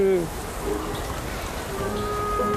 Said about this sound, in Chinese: 天要下雨了，老天是在为我哭泣。